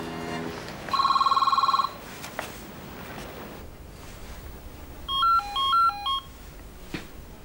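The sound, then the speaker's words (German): A phone gives one short burst of rapid, trilling electronic ringing, then after a pause a quick run of stepped dial-tone beeps plays. Both are fairly loud, with no talking. “Die rufen dich doch sowieso gleich an, denke ich.”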